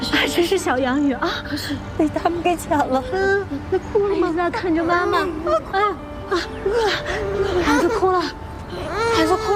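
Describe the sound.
An infant wails in high, wavering cries that continue steadily throughout, close by and fairly loud, with adult voices talking over and around the crying.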